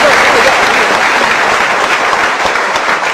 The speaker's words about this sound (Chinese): 所以咱们男同胞给鼓鼓掌， 男同胞给鼓鼓掌。